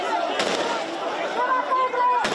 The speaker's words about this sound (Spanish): En varias ocasiones se han escuchado disparos al aire.